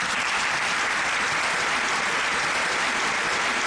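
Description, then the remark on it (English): A crowd claps steadily throughout, a dense, continuous wash of many hands applauding at once, fairly loud, with no talking over it. “Let's all clap for you.”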